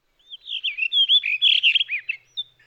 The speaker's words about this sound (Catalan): Ara sentim la mèl·lera, un ocell un poc més petit que un tord. El mascle presenta un plomatge d'uns tons blaus molt elegants. La femella és d'un color marrón més discret.